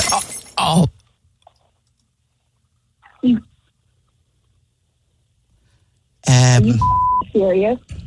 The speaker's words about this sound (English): I just heard glass drop. Oh, are you kidding me?